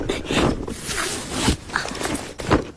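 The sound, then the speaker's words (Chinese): Rustling and scraping as a two-strap backpack holding scissors, an umbrella and a pair of travel shoes is opened and rummaged through, with a brief zipping sound and irregular bursts of fabric and objects shifting inside. “那赵老师把背包快给我吧”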